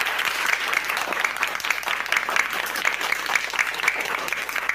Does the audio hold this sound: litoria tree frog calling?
no